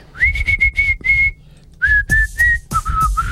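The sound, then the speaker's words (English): A person whistles a short, simple tune, holding steady pitched notes in a few phrases that step down in pitch, with faint breathy bursts and low background noise underneath. “Whistling's halfway back.”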